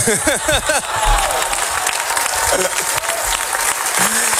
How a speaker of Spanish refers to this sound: El director Sorogoyen agradeció en francés la ovación y también en español